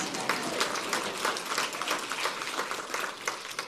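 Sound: audience clapping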